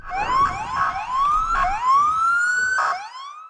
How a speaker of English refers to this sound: Sirens rang out as police officers and other law enforcement agents converge after reports of multiple shots fired near the White House.